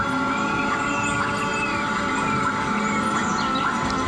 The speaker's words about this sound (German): Es könnten auch Vogelstimmen aus dem Amazonas sein, denn die brasilianische Klangkünstlerin Bella Compson mischt für ihre Klanginstallation im Park die in Klänge umgesetzten Magnetfelder von Bäumen mit Sounds aus dem brasilianischen Regenwald.